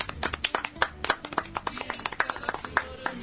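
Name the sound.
applause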